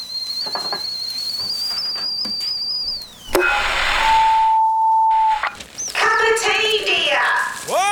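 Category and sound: household object, kettle whistling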